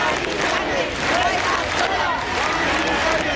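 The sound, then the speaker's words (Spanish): A crowd of protesters called by the Sindicato de Inquilinas shouts and chants in front of the so-called Ático de Ayuso on Paseo del General Martínez Campos, in support of an 87-year-old woman facing eviction. A dense, continuous roar, with overlapping cries rising and falling throughout at a steady loud level. “Convocados por el Sindicato de Inquilinas, se han reunido frente al conocido como Ático de Ayuso con pancartas y gritos en apoyo a la anciana de 87 años.”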